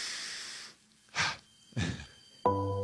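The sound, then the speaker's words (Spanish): A deep breath: a long airy inhale followed by a heavy exhale, with no talking. A sustained musical tone starts right after, and a soft hiss comes before it. “Vámonos, tomamos una respiración profunda, cambiamos el fondo y.”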